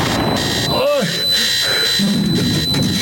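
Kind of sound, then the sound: household object, alarm clock ringing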